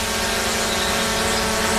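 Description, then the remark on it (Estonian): A steady, loud electric whine of drone propellers buzzing in an Estonian Transport Administration (Transpordiamet) drone-rules radio ad, holding an even droning pitch throughout with no voices. “Droon on peremehe nägu.”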